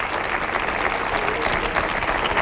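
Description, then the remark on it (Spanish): An audience applauding steadily, a dense wash of many hands clapping at once, fairly loud and sustained throughout with no voices standing out. “Otro aplauso para Ricky Rivera, que vamos a dormir así”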